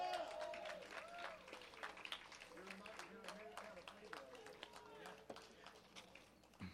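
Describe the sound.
An audience at the WebFest 2026 festival applauds a band with steady, dense clapping that carries on throughout, while voices call out and talk over the crowd noise.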